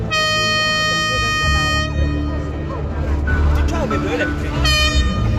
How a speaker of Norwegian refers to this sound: men utenfor har det jo vært litt mer utestemme da, for dieselbrølingen fortsetter blant de som krever lavere pumpepris. I dag hadde en ny gjeng samlet seg på Eidsvolls plass, og kanskje ble det ikke det store brølet denne gangen, men et tut fikk vi.